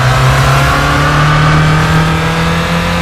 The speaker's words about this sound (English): This is what the car sounds like in Gran Turismo.